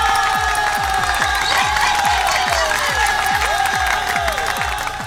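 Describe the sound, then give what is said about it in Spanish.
A crowd applauds and cheers loudly and steadily, with rising and falling shouts over the clapping and a rhythmic low thumping pulsing underneath throughout, applauding women from the Divino Niño dining hall who gave the speaker a King Kong. “Me regalaron un King Kong. Un aplauso.”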